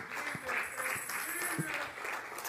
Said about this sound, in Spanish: ¿Cuántas le dan un aplauso fuerte al Señor?